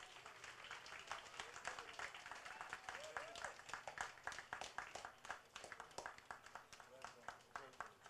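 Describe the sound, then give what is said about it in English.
A crowd claps steadily and densely for several seconds, applauding the Premier of the Virgin Islands after his speech, with scattered voices and cheers mixed in beneath it. “Ladies and gentlemen, please, another round of applause for the Premier of the Virgin Islands.”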